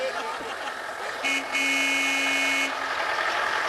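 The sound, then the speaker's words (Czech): A car driven by a building caretaker pulls out amid steady street noise and heads toward the front of a house, sounding its horn twice: a short toot followed by a longer, loud, sustained honk. “Auto už vyjíždí, míří před dům.”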